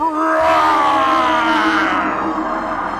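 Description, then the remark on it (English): A deep, loud grizzly bear roar holds for about three seconds, rough and growling with a steady rumbling tone that eases off slightly toward the end. “We need to roar!”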